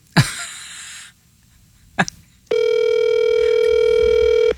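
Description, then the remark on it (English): A phone line rings on an outgoing call, a steady, loud electronic ring tone starting partway through and holding unbroken to the end, preceded by a short breathy burst and a soft click. “Answer the phone.”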